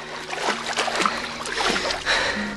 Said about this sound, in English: Harry finds himself standing alone in ankle-high water, surrounded by tall grass. Sloshing through the water, he looks up to find the ramshackle multi-story home.